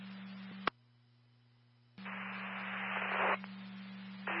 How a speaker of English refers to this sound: copying static only.